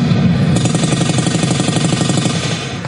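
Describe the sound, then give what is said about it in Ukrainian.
Recorded battle noise plays from a loudspeaker for atmosphere while recruits practise applying tourniquets and packing wounds: a loud, steady low rumble layered with rapid, rattling bursts like sustained automatic fire, continuing without pause and with no voices. “Поруч з аудіоколонки для атмосфери лунає гуркіт бойовища.”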